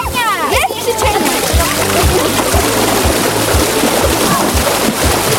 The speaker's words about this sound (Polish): Ten plusk wody zdecydowanie poprawia nastrój, zwłaszcza w piątkowe popołudnie.